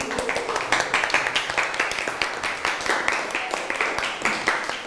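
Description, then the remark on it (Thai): A classroom of students claps for a classmate who has just presented their group's plan, many hands overlapping into steady, moderately loud applause that continues for about five seconds with no talking. “อ่ะนั่งลงได้ครับปรบมือให้กับเพื่อนเลยครับ”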